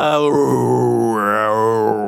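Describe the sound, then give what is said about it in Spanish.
A cemetery crypt vault door creaks open at night in one long, drawn-out groan, its pitch sliding and wavering like a moan for about two seconds, loud and steady with no talking over it; the sound that opened the radio show Inner Sanctum. “Pero la más aterradora, al inicio de ese programa de radio, escuchabas una cripta, esa puerta ruidosa de la bóveda del cementerio que se abría por la noche.”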